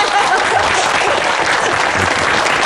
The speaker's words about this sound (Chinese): 廖主任来了，来来来，我们给廖主任鼓掌。